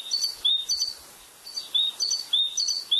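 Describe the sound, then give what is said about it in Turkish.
A great tit, recorded by Enes Kasapoğlu in Bursa, Turkey, from the Macaulay Library, sings its bright, repeated two-note phrases, a rhythmic see-saw pattern cycling several times in quick succession, clear with no other sounds. “Büyük Başsankarı'yı Enes Kasapoğlu Bursa'da kaydettiler.”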